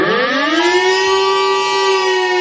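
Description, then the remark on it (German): A civil defense warning siren wails loudly and steadily, its tone slowly rising and holding, with rich harmonics and no voices heard, sounding for Germany's nationwide warning day (bundesweiter Warntag), when the Kreis Steinfurt tests its warning system. “Oh ja, Sirenen heulen und unsere Handys bimmeln. Morgen ist bundesweiter Warntag.”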